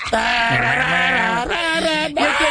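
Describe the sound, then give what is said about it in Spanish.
A person's voice imitates a goat's bleat: a loud, drawn-out quavering cry that wavers in pitch and breaks into a couple of shorter bleats toward the end. “El grito de los chivos.”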